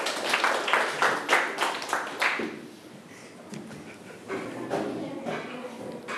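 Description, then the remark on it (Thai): A group of students claps for themselves after practising standing and conversing politely with elders, in a brisk, uneven burst of applause lasting about two seconds, then it quickly dies away into quiet rustling and faint murmuring. “โอเคครับเก่งมากเลยครับปรบมือให้ตัวเองได้เลยนั่งลงได้ครับ”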